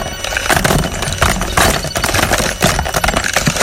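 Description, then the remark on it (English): A shuffle drum holding this week's songs for the 8 O'Clock Shuffle radio feature spins, giving off a steady, loud rattling clatter of tumbling objects with irregular clicks and knocks throughout, no voices over it. “First of all, let's take out all of the songs for this week and empty them into the shuffle drum.”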